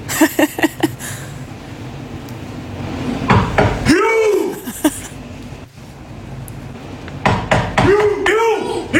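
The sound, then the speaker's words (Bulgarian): Sharp, hard knocks on a hotel door come in quick bursts, a rapid cluster at the start and more a few seconds later, with brief vocal sounds and background noise in between. “Да почукам по този начин на вратата на хотела, поне в който бяхме за световното повдигане на тежести.”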